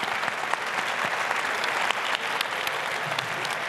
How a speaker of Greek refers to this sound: Το χειροκρότημα για την Nadia Comaneci.